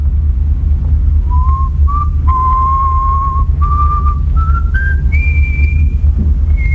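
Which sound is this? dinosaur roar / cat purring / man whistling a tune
man whistling a tune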